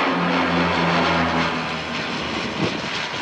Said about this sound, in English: Astonished residents watched iconic Canadair firefighting planes, typically associated with fighting southern fires, working for the first time in the Paris region.